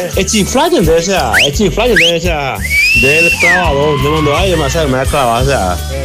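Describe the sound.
Someone whistles a few quick rising glides and one longer held note, clearly audible over a loud, busy backdrop of voices and music.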